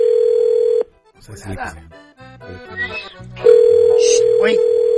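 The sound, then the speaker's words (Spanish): A telephone ringback tone of an outgoing call sounds twice as a steady, loud electronic hum, each ring lasting about a second, with people talking in the gap between them. “Mira, tenemos el teléfono.”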